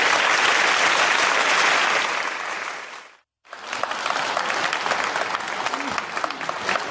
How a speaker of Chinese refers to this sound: 感谢大伙儿热情的掌声， 谢谢朋友们。